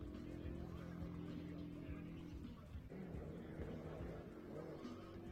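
A car engine drones steadily, a low humming tone that holds at a fairly constant loudness, with faint background murmur mixed in, as a Stuttgart team drives out with the car while people line up.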